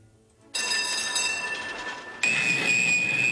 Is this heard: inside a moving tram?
yes